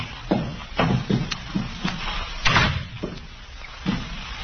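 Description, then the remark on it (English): A door being pushed open, with a series of knocking thumps and scraping bumps spread across a few seconds, fairly quiet, with no voices. “door's open. Well, let's have a look.”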